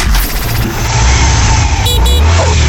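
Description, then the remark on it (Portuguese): A motorcycle engine revs loudly and steadily, a continuous throaty rumble with rising mechanical whine, filling the whole moment without any talking. “Ô, Bolota, de novo atrás de moto, rapaz?”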